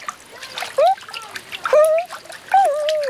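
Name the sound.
splashing water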